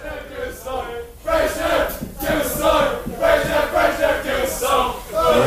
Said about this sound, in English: Are we ready for …? If we are, give us a big cheer.